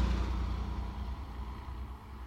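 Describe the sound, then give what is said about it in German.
A taxi drives to a holiday house with a steady, low engine rumble and broad road noise, holding a fairly even loudness before dipping slightly near the end. No voices. “Das Taxi hielt vor dem Ferienhaus.”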